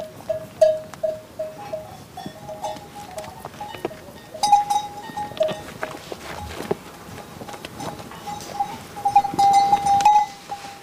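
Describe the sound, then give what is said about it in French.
Ewes bleat on and off amid a moving flock, with clinking bells and the shuffle of hooves; no one speaks. “C'est pas si tranquille que ça aussi, la vie d'une brebis.”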